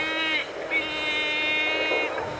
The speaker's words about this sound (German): Ist das Wind?